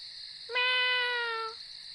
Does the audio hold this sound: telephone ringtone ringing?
no